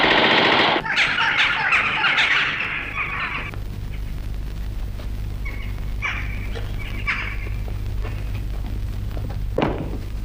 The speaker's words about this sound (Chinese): 为什么乱放枪？ 弟兄们饿极了，用枪打乌鸦呢。